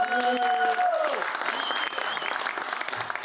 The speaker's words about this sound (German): Der erste Applaus.